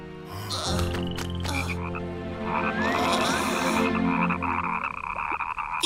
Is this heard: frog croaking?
yes